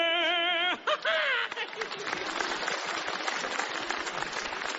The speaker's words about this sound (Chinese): 大家不要鼓掌了